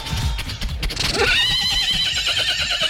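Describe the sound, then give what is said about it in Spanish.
A horse lets out a loud whinny that rises sharply and then wavers in a long, quivering trill, with faint hoof clatter and outdoor noise underneath. “Caballo, le suelta la rienda.”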